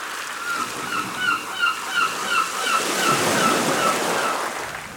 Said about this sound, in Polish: Fale